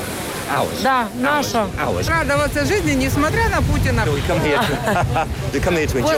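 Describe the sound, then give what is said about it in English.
Steady roar of surf washing onto a beach in Ukraine in summer during wartime, with wind buffeting the microphone and many people talking and calling out over the continuous wash of waves. “Here you are on the beach, but this is the middle of a war.”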